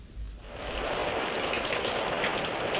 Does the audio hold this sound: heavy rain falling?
yes